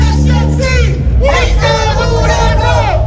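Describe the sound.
A large crowd at a protest march in Huancayo chants and shouts together, many voices loud, filling the scene continuously with a dense, rousing roar.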